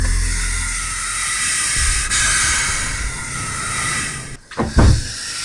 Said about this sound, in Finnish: Tältä kuulostaa kyykäärmeen sihinä. Tämä kyseinen yksilö eksyi sisälle kesämökkiin ja päätti uhitella asukkaalle ennen kuin poistui tiloista ulos.